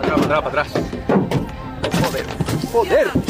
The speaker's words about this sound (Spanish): Esto que escuchan está grabado desde dentro de un coche con una multitud fuera lanzando piedras contra ese coche, apaleando los parabrisas. Dentro del coche viajaban tres personas.